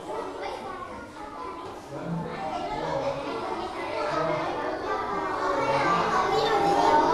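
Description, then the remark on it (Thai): Many children's voices overlap in a busy, steady murmur as small groups practice singing song lyrics their teacher put up, each group facing inward toward its own members, several groups singing or chanting at once, growing slightly louder toward the end. “ขึ้นเนื้อร้องไว้ให้เด็กๆฝึกร้องแต่ละกลุ่มของตัวเองหันหน้าเข้ากลุ่มตัวเองเลยแล้วก็ฝึกร้องนะคะ”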